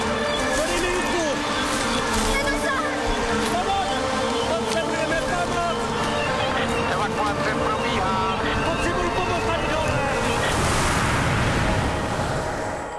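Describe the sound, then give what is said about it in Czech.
Floodwater rushes in a loud, steady roar that fills the whole clip, with raised voices faintly audible over the churning torrent. “Šéfe, ta voda je všude! Taka, až sem!”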